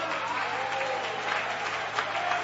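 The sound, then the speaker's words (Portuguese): An audience at a church service claps for God in sustained, dense applause, many hands blending into a steady roar with no breaks, loud and even throughout. “Pode desocupar as vossas mãos e vamos dar a Deus uma forte salva de palmas.”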